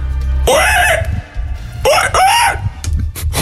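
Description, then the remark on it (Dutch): A person imitates a wild boar with two loud, strained squealing calls, each under a second long and separated by a short pause, over a low background rumble. “Nee, ik ga luisteren, want mijn nutteloze talent is, ik kan een wild zwijn nadoen.”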